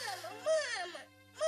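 A young child cries in short, wavering wails that rise and fall, moderately loud, with a brief pause before the crying starts up again.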